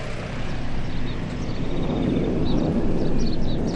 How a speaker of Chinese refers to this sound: 前几天飞机离我们远，今天飞机快降落了，离我们近，所以声才大。